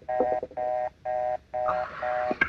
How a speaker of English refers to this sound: Ringing Murray Hill 35097.